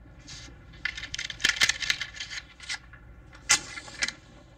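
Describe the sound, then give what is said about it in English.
Two small coins, a dime and a nickel, tap and click against a wooden kitchen tabletop in quick, irregular bursts, bright metallic ticks clustered together with a couple of sharper louder taps near the end. “Two coins, a dime and a nickel, tapped on a wooden kitchen table.”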